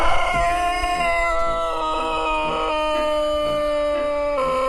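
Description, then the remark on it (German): A Serbian Sanchak rooster crows in one long, drawn-out call, loud, holding a steady, slightly wavering pitch for nearly five seconds with no talking, in an open-air chicken area outside the stalls. “Das war das Startsignal für Detlefs internationale Abteilung, Sanchaks aus Serbien.”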